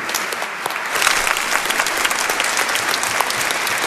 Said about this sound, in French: Elles vont signer et ils vont signer le registre qui est préparé là-bas et je vous invite à les applaudir.